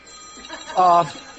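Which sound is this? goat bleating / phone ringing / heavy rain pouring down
phone ringing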